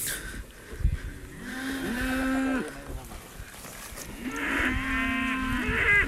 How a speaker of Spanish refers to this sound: Tenemos la vaca justamente al lado. Estamos justo al lado de la vaca. Está comiendo.